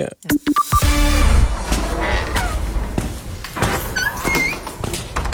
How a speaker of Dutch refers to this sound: U hoort weer de krakende deur van de Schatkamer van Beeld en Geluid.